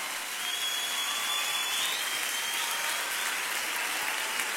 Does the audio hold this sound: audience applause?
yes